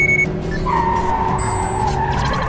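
A jeep, not a race car, speeds past during a chase, its engine roaring under a long, wavering screech of tires that holds for the whole stretch, loud and continuous with no voices.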